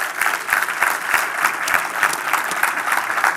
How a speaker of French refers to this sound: On veut également accueillir nos deux églises, donc Terrebonne et Saint-Eustache, qui se joignent à nous. Est-ce qu'on peut les accueillir par une bonne main d'applaudissements?